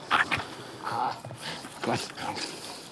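A 19-month-old Heideterrier, a certified explosives-detection dog of the German Federal Police, gives a few sharp, high barks mixed with thin whimpers and yips, fairly loud, in short irregular bursts.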